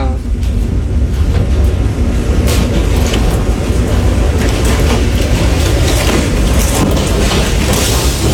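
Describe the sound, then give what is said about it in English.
A tornado outside a house roars deeply and continuously, rumbling like a freight train as the house visibly shakes, loud and steady for the whole stretch, with gusty wind noise and occasional bumps layered on top. “It sounds like a freight train, and that kind of sounds like a freight train.”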